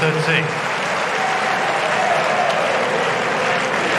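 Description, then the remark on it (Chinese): A home crowd at a tennis match erupts in sustained applause and cheering after a crosscourt drop-shot winner by Sinner, a dense, steady wash of clapping that holds at a loud, even level for the full four seconds without pause. “好球啊，反手行云流水啊，突然放了一个斜线的短球，这个短球的制胜分啊，也引爆了现场观众的热情。”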